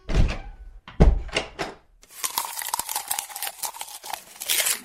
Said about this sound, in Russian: кто-то громко хлопает дверью.